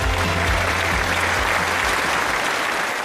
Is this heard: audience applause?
yes